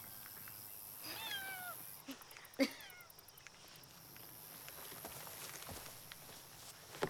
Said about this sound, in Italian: C'è un gatto là dentro.